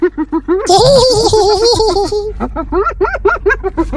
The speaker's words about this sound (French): C'était la hyène.